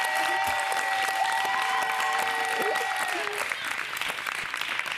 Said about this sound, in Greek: Μπράβο, ένα χειροκρότημα.